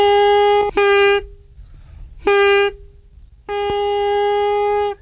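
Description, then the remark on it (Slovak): A folk pipe made of willow bark, with a reed at its end, sounds three sustained, reedy tones with rich buzzing harmonics, each held a second or more with short breaks between, the last note longest. No one speaks. “To je ako na gajdách, že? Ako na gajdách, to isté.”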